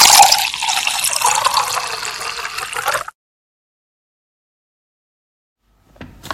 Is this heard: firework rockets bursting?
no